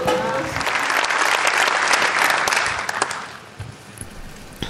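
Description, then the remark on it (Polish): Sustained audience applause, a dense crackle of many hands clapping, strong for about three seconds before thinning out and fading toward the end, as Pope Leo XIV rises and approaches the lectern at a meeting on Europe's roots for peace and unity. “Znowu oklaski, papież Leon wstaje, zbliża się do mównicy, przenosimy się do Metz.”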